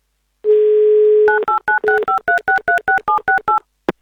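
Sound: telephone number being dialed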